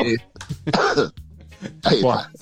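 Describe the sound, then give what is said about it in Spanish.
A man trying to hide his cough coughs and clears his throat in a few rough bursts, with short pauses between the harsh, loud coughs. “Vos sabés que me da más risa el tipo tratando de ocultar la tos que tosé.”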